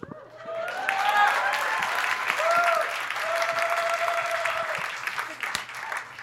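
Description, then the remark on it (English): A crowd breaks into loud, steady applause lasting about six seconds, dense clapping mixed with whoops and cheering voices rising above it, as a comedian pauses for applause after saying he is Indian. “I'll hold for applause.”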